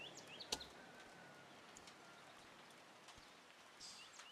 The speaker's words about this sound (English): With all that being said, thank you for listening to me and the birds.